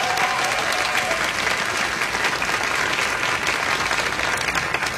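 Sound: audience applause and cheering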